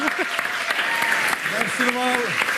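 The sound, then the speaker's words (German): An audience claps steadily and loudly for a performer coming onto the stage, a dense wash of hand claps with a few voices whooping and calling out over the applause. “Wir versuchen es mit einem grossen Applaus für unseren Lieblingsjuristen”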